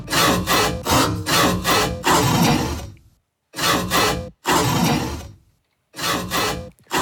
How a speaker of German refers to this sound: Es ist sogar eine echte Säge. Ja. Kollege Martin Riegler vom Ö3 Wecker Team hat mit dem Fuchsschwanz, also mit dem Werkzeug, in seinem Keller einen Mistkübel angesägt und daraus diesen Sägesong produziert.